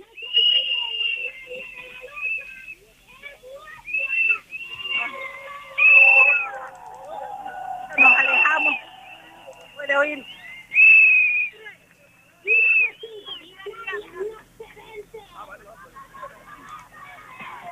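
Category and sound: human body sound, whistling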